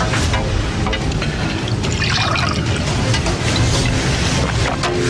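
Water pours steadily into a glass, a continuous splashing trickle lasting several seconds with no one talking over it.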